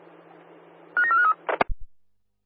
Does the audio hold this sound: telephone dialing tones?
yes